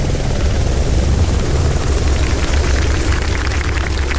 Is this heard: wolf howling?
no